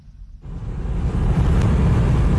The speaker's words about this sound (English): On the single bridge that connects Crimea to the Russian mainland, traffic stretches for kilometres as cars try to leave the peninsula. This is an absolute record, says the motorist filming the queue.